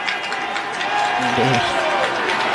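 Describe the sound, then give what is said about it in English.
A stadium crowd at a college football game involving UMass cheers and applauds as a junior quarterback comes into the game for his first opportunity. The cheering is a steady, broad roar that swells after the first second, with a single voice briefly shouting above the noise. “Crowd is happy to see that.”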